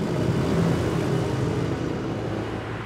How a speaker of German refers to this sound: Noch aber dürfen Autos hier mit 50 Kilometer pro Stunde vorbeifahren.